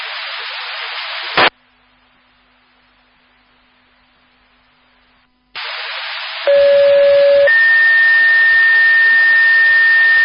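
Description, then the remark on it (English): A South Haven fire dispatch disregard alert tone over a radio channel, cancelling a call to a Beethoven Street address that was a false alarm: hiss and a squelch click, a short silence, then a steady low tone jumping to a long, higher sustained tone, loud and clear. “Attention South Haven Fire, this is a disregard tone for 7267 Beethoven Street.”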